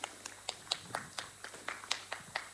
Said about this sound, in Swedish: Så att, jag tycker vi alla ger dem en jättestor applåd för ett jätteduktigt jobb.